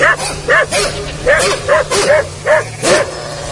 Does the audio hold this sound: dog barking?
yes